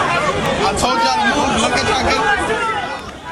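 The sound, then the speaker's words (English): A dense, loud crowd of many overlapping voices talking and calling out at once, lined up outside a store in New York in the morning for a new collaboration watch release, forming a continuous chaotic babble with no single voice standing out. “And that closure came after scenes like this in New York this morning, where chaotic crowds lined up.”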